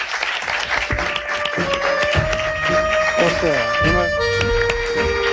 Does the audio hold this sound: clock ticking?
no